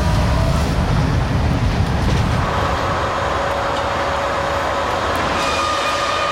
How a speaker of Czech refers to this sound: To je historická motorová jednotka VT1816 a ta se po víc než 20 letech vrací k nám do Česka. No a bude tu ode dneška až do neděle a bude součástí festivalu parních lokomotiv v Benešově.